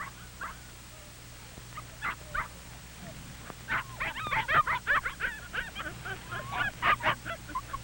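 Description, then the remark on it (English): Puppies yip and bark in quick, high-pitched bursts, sparse at first and then tumbling over one another in an excited flurry over a low steady hum, as boys try to groom and clean them. “The boys are proud of the puppies and want each dog to look his best”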